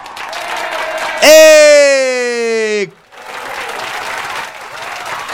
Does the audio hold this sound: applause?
yes